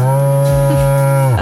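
A single long, loud cow moo, a steady low drawn-out bellow lasting over a second before it breaks off at the end, with no talking.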